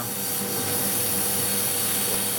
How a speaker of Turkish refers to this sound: Cam yüzeyine inmek ne kadar sürüyor? Yaklaşık 30 milimetrelik bir alanı kumlayacağım. Muhtemelen o katmana ulaşmak 5 dakika sürebilir. Nasıl temizlendiğini görebilirsin.